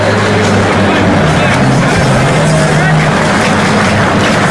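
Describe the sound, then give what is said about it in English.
A loud, steady murmur of a baseball stadium crowd fills the whole stretch, a dense wash of overlapping voices with a low droning hum underneath and no clear words standing out, during the bottom half of the sixth inning of a game. “Good crowd here. No one has left.”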